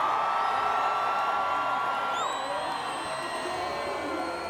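A crowd applauds a contestant at a judged competition, a dense wash of clapping mixed with cheers and a few shrill whistles that rise and slide in pitch, staying loud the whole time.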